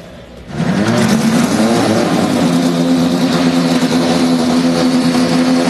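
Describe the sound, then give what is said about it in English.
Several Indy Next by Firestone race car engines roar to life on the call to start engines after a brief quiet moment, then hold a loud, sustained growl with rising revs and dense overlapping harmonics, powerful. “Drivers, start your engines!”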